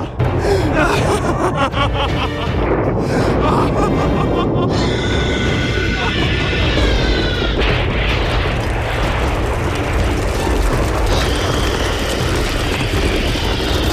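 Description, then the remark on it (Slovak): A deafening storm roars without pause, thick low rumbling of thunder overlaid with harsh crackling and splitting sounds of rocks cracking, loud and dense from start to finish. “Krutá Izra privolala takú búrku, akú nikto z nás ešte nevidel. Desivú, ohlušujúcu, ako by samotné peklo prichádzalo na zem. Skaly púkali, stromy sa lámali, z oblohy padal čierny, páchnúci dážď.”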